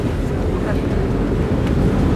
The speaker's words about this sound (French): Nous voilà arrivés sur l'île d'If, on laisse partir le bateau. Sympa comme moyen de transport pour aller sur son lieu de travail tous les jours.